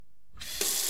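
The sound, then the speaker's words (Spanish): After a brief silence, a tap opens and water gushes out in a steady hiss that grows louder and fuller a moment later, with no voices; the water is used to wash fruit and vegetables. “El agua que utilizas para lavar las frutas y las verduras, recógela en un recipiente y luego puedes aprovecharla para regar las plantas de tu jardín o tu huerto.”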